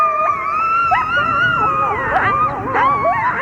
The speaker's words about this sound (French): Savez-vous à quoi ça ressemble le cri d'un coyote ? Eh bien, à ça.